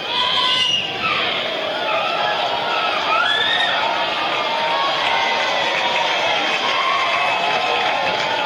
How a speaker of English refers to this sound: Wilson crowd getting noisy here in the top of the fifth with the Warbirds trailing 6-4.